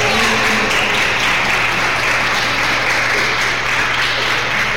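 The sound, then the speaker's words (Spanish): Steady applause for Jesus from a large audience at a church service, a dense wash of clapping that holds evenly loud for several seconds with a faint low hum beneath it. “Un aplauso para Jesús.”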